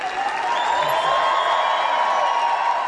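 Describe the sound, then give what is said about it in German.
A large crowd of Adidas employees at a non-public staff event in Herzogenaurach roars with sustained cheering and applause as Alexander Zverev walks onto the stage in a black-red-gold German national football team jacket, a loud, steady wash of clapping and shouting that holds without a break. “Tosender Jubel, als Alexander Zverev in schwarz-rot-goldener Fußball-Nationalmannschaftsjacke die Bühne betritt.”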